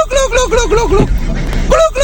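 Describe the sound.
A person's voice imitates a turkey's gobble in a voice message, with a rapid, warbling burst lasting about a second, then a shorter gobble after a brief pause. The sound is loud.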